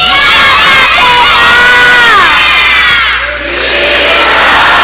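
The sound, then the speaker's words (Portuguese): A crowd of children and adults shouts a loud, sustained cheer of "Viva!" together for Our Lady of Fátima, many voices blending into a bright, ringing roar that briefly dips and then swells again. “Vocês, anjinhos, vão gritar bem alto, viva Nossa Senhora, e vamos ouvir o que, que o povo vai responder, tá bom?”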